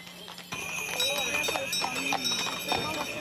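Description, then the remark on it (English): Horse hooves clip-clop in an uneven, continuous patter as pilgrims on horseback and in horse-drawn carriages walk in a kilometer-long procession from Zlatar Bistrica to the Shrine of Our Lady in Marija Bistrica. Faint voices murmur in the background. “Some pilgrims made the entire journey on horseback or in horse-drawn carriages.”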